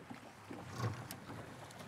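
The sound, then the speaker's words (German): A small boat motor sputters to life with a brief, low, flatulent burst, then settles into a steady low engine rumble over faint water and wind noise. “Genau, dann pupst es und du fährst los.”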